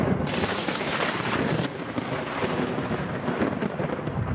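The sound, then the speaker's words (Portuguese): Deep, continuous thunder rumbles loudly through a stormy sky during an intense lightning storm over the Triple Frontier of Brazil, Paraguay and Argentina, with a sharp crack partway through and a steady hiss like rain underneath, no voices present. “Um relatório de um dos satélites da NASA mostra intensa atividade de raios e trovões.”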